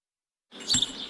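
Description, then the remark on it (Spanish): After a moment of silence, a couple of quick, high bird chirps ring out over a soft outdoor hiss, brief, on a morning facing a forest in Nueva Valdeluz. “A los vecinos de Nueva Valdeluz les está costando adaptarse al silbido de los pájaros por las mañanas mientras toman el café frente al bosque.”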